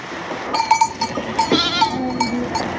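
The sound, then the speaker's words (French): Rava ewes, meat sheep from the Puy d'Aune, bleat as they are let out for eco-grazing, one drawn-out wavering call standing out amid a busy outdoor bustle with faint clinking, as if from bells, and no talking. “Alors, c'est des brebis Rava qui viennent du Puy d'Aune.”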